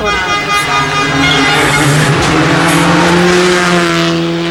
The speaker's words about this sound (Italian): questa era Luca Bertani con Stefano Oppimitti su Skoda Fabia Rally 2